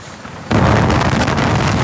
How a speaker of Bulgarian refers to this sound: Как се кара в този вятър? Еми спряхме за това, не мога се кара.